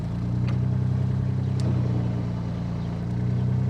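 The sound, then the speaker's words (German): A boat's motor drones steadily while the boat is stuck in mud on the Steinhuder Meer lake, unable to go forward or backward. A low, constant engine hum holds for several seconds with slight rises in pitch, with faint splashing or knocking sounds above it and no voices. “Wenn Heiko Gruschka mit seinem Boot ablegt, muss er schon genau gucken, wo er hinfährt, sonst steckt er im Schlamm.”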